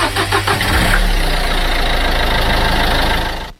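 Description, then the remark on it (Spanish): An Isuzu MU-X SUV engine starts with a few uneven bursts, then settles into a loud, steady low rumble with no voices, ending in an abrupt cut-off. “Mientras otros se pegan unos viajesotes con su Isuzu MUX.”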